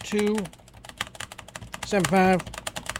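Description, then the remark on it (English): Rapid keyboard typing of a zip code into an elections website to find early voting locations, a steady patter of clicks running through the whole moment, with two brief stretches of a voice humming or speaking over the keys. “And you put in your zip code”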